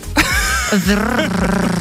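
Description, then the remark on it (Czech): A person's voice imitates a tractor engine: a low, rough, chugging drone with a wobbling pitch, fairly loud, lasting a couple of seconds on its own. “udělej traktor.”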